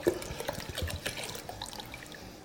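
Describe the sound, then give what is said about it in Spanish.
Bottled water pours steadily into a cooking pot, a continuous splashing and gurgling stream with no talking. “Vamos a ponerle agua, agua de botella.”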